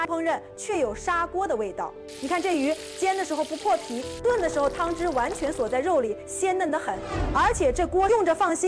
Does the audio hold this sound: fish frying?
yes